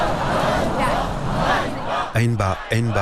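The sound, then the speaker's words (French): A protest crowd in Kyiv, Ukraine, with placards raised, chants a short slogan, "Shame" (Honte), in unison, loud, with the dense murmur of many voices giving way to repeated rhythmic shouts near the end; the protesters call for Fedorov's return. “Honte, scande la foule.”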